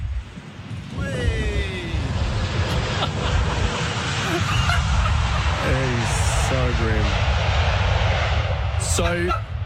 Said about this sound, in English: So the wheels have touched down, and I thought, this is an historic moment.